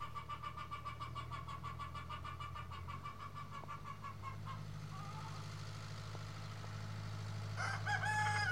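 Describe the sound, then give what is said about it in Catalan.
A tractor's diesel engine rumbles as it is driven out at a school where students train with tractors, a steady low drone with a chugging pulse that grows slightly louder as it moves off, while a rooster crows briefly near the end. “Ara estem veient com treuen un tractor, fan servir maquinària, fan servir eines i també hi ha animals, tenim per aquí vaques i també tenim doncs, molts de galls,”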